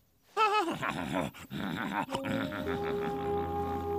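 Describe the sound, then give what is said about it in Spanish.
A horse named Fino, not a racehorse, whinnies in a high, quavering burst that drops into lower, rough grunting snorts, followed by a steady droning hum underneath. “No eres un caballo de carreras, pero eres un héroe.”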